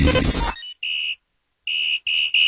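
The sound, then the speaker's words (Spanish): A shrill, steady-pitched whistle blown in four blasts: two longer toots with a pause between, then two quick ones in a row. A brief burst of noise comes just before. “¿Es silbato o es pito lo que traes en la boca?”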